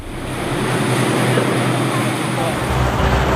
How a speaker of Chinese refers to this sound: 我现在呢是在从赤壁去往对岸乌林的这个汽车轮渡上